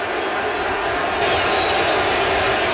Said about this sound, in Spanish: Señores, escuchen al público. Esto es en vivo, en directo y a todo color. Escuchen al público. La ovación que le van a dar. Escuchen.